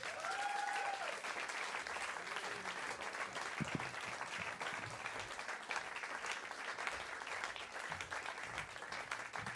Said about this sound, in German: Bitte gebt einen riesigen Applaus für Walid Asak!